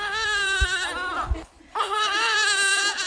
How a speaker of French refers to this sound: Orphelinat Absoir, quartier Ndjari, 8e arrondissement. Ce matin-là, une vingtaine d'enfants jouent dans la cour. D'autres prennent leur bouillie, tandis que la plus jeune, âgée d'à peine un mois, pleure sans répit.